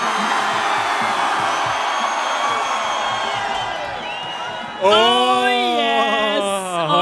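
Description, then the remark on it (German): A festival crowd on the Donauinsel roars and whoops in a dense, steady wall of cheering for about five seconds, then a single loud voice begins speaking over the fading crowd noise. “Das ist einfach das geilste Publikum auf der Donauinsel. Applaus für euch!”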